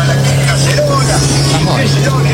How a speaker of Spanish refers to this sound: Es un auto, un auto que está escuchando la radio y yo estoy viendo que en Comodoro Rivadavia está como lloviendo y el mar está un poquito picado.